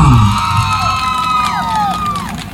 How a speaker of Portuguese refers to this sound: Bate palmas para ela!